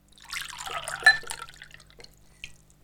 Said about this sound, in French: Puis il me laisse seul dans une immense cuisine. C'est bizarre, il n'y a personne. J'ai soif, je trouve une carafe d'eau et je me remplis un verre.